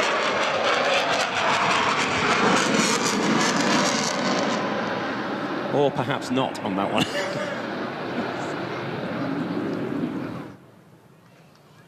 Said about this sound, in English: Huge round of applause from the crowd here. Now, he will slow down eventually to become effectively just fly past at 100 knots, and that's the ability of this aircraft. It can fly supersonic, it can then slow down and fly at 100 knots.